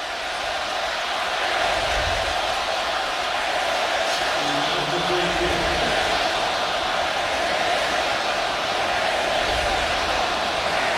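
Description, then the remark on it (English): A steady, dense roar from a large stadium crowd at a football game fills the whole recording. A faint rhythmic chant rises briefly from the din around the middle before blending back into the noise. “Got the crowd chanting something. We can't quite hear.”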